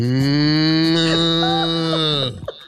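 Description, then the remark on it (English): A person imitates a cow with one long, loud, steady low moo, held for over two seconds and then cut off abruptly. “See, cows don't go moo. Cows just go.”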